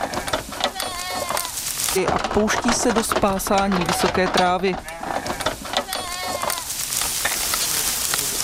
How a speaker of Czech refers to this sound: My se teď společně přesuneme do sadu v Droždíně. Po otevření přepravníku ovce okamžitě vbíhají do ohrady a pouští se do spásání vysoké trávy.